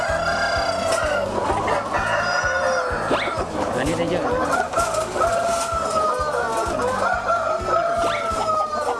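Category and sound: animal, breeder rooster clucking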